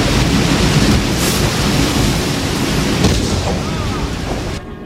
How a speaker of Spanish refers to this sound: Desde el puente el capitán ve cómo el agua cubre la cubierta de proa.